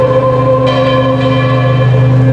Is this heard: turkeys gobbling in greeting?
no